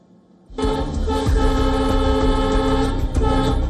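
A train horn starts abruptly and holds loud and steady, layered over the heavy, continuous rumble of a train moving along the tracks. No one speaks.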